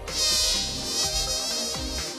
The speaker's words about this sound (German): Ja, Mücken sind das natürlich.